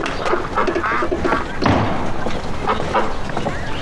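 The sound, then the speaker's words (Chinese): Nasal, honking quacks from penned ducks being fed at feeding time come in short bursts one after another, with a thump and some scuffling noise in between. “哎呀，爷爷，哎，这是喂鸭子呢。”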